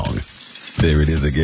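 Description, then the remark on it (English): A brief rattling pour of Downy Unstoppable Scent Beads spilling into a washing machine, lasting about half a second, with a voice speaking just before and right after. “That's the sound of Downy Unstoppable Scent Beads going into your washing machine and giving your clothes freshness that lasts”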